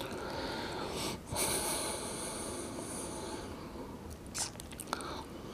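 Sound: heavy breathing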